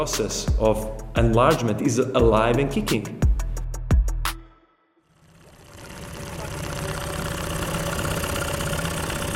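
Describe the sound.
A person speaks briefly, then after a short pause a boat engine idles steadily on Lake Skadar, a continuous low rumble with a faint rattling texture that holds at moderate loudness to the end.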